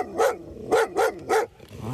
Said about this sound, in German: Die schwarze Schäferhündin ist 2,5 Jahre alt und arbeitet für den Bielefelder Zoll.